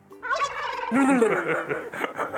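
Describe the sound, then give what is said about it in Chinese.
A person vocally imitates a turkey's gobble, a loud, rapid warbling burst of throaty, wobbling notes lasting a couple of seconds, with no other talk. “我这样很像火鸡吗 ？”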